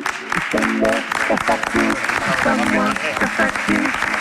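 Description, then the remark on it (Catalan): Sustained audience applause welcoming guest Carles Checa at an event, a dense steady wash of clapping that carries through the whole moment, with voices rising over it. “Si us plau, un fort aplaudiment per Carles Checa, si us plau, Carles, vine cap aquí.”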